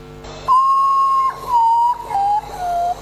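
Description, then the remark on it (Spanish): A ghost bird calls in four long, mournful whistled notes, each held about half a second or more and stepping gradually lower in pitch, sounding clearly over a faint steady background hiss, with the sound of water in the background. “El pájaro fantasma le dicen mucho, pero mételo miedo.”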